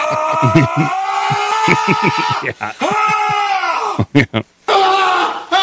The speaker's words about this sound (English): The suit specifically takes issue with the sound of dropping heavy weights on the floor, banging pieces of metal equipment against each other, and weightlifters groaning, yelling, and struggling to lift weights.